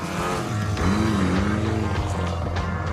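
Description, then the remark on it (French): An Abarth 595C sports car with a 165-horsepower T-Jet engine drones steadily at high revs while driving on the banked curve of the rooftop track of the Fiat factory, its harmonic tone rising and dipping slightly as the throttle shifts, loud and continuous with no voices. “Avec une vitesse maxi de 225 km/h, la Abarth 595C est une vraie petite bombe.”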